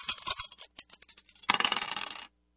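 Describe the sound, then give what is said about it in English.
Dice clatter across a hard surface in a quick scatter of sharp clicks, then rattle and tumble together in a dense burst for under a second before stopping. Fairly quiet, with no voices. “Let's throw the dice and see what we're going to play from that.”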